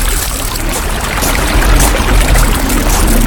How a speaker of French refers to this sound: Ferme les yeux et imagine-toi marcher le long d'une rivière.